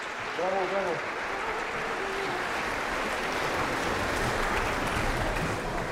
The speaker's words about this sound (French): Alors voilà, des applaudissements très courts pour ce premier acte de Così fan tutte de Mozart,